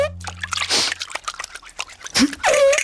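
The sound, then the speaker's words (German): Water drips and splashes into a shallow foot bath where someone's feet are soaking, with irregular plinks and a few louder sloshing bursts; no one speaks. “So ein kleines Bad muss gar nicht komplett sein. Es reichen auch nur die Füße, so wie jetzt gerade hier.”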